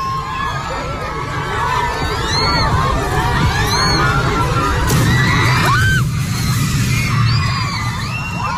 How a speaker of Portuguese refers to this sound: Isso aí, esse estalo, seguido de um estrondo, foi esse... Essa cobertura. Essa cobertura aí pra, enfim, pra dar sombra, que desaba.